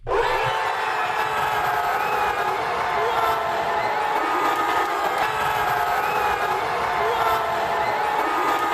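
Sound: fans cheering in celebration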